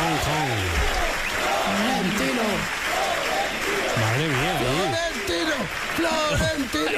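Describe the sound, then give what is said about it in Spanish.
A crowd applauds loudly and continuously at the arrival of club president Florentino, a dense wash of clapping with cheering voices rising and falling through it, while a man speaks briefly over the din. “Ríete tú de los 20 minutos de aplauso de los Javis en Cannes.”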